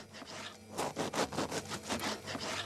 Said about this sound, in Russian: Так, масло режем.